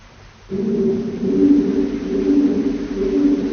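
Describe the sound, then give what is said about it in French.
Low, steady pigeon cooing from another part of a cave starts after a brief quiet moment and carries on in soft, repeating swells, sounding somewhat distant with a hollow, echoing quality. “On entend un peu les pigeons.”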